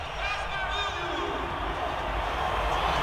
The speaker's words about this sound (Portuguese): Mais de 100 decibéis, tremendo o MetLife Stadium nesse momento, a torcida verde e amarela.